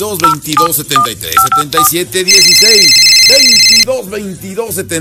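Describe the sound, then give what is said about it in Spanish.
A loud electronic telephone ring on a radio station's phone line in the state of Puebla sounds for about a second and a half over continuous talking, with a few short beeping tones just before it. “los teléfonos más alegres de toda la radio y todo el estado de Puebla.”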